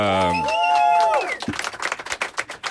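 A short musical jingle with gliding, sustained tones gives way to a burst of audience applause on a show, welcoming the woman who conducts the show's interviews, many hands clapping in a dense, irregular patter that stays fairly loud to the end.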